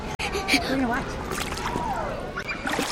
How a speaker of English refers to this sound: This is what summer is all about. On a beautiful July day at Beauvoir Summer Camp in D.C., kids are jumping into a blue, refreshing pool.